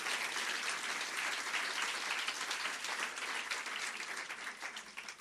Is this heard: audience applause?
yes